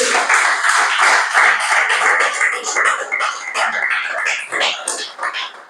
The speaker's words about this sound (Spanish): Amén, dale ese aplauso al Señor.